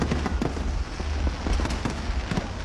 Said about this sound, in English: Queenslanders packed the banks of the Brisbane River last night, gathering for the annual fireworks fiesta.